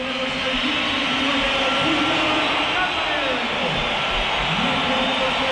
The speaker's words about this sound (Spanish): Pues algunos pitos. No, algunos no, la que una pitada. La que una pitada. Sí, pero no es tan masivo como el día del derbi, pero no, hombre.